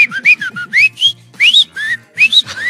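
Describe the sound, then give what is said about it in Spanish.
A person whistles an imitation of a goldfinch's song: quick bursts of bright, twittering chirps and upward slides in short phrases, fairly loud, with no talking. “Es un jilguerillo que les chifla.”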